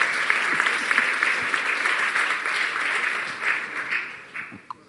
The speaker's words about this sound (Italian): Grazie, che mi hanno imbarazzato, voglio ringraziarli. Fate un applauso per le bugie che hanno detto.